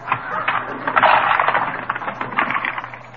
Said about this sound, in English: Now, look, here's the cash register. Let's see, you push the little valve down.